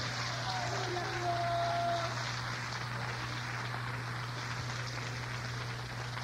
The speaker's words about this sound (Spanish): Dele un aplauso a Jesús en esta noche.